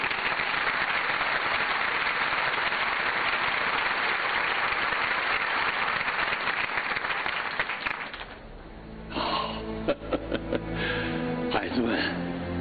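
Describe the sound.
A crowd breaks into sustained, loud applause lasting several seconds, a dense wash of clapping that fades as a single voice begins speaking close to the microphone.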